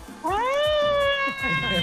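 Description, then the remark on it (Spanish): A siren sound effect wails upward and then holds a steady, piercing pitch for over a second and a half, loud, with muffled voices underneath. “Yo escucho Tropicana. Con la sirena.”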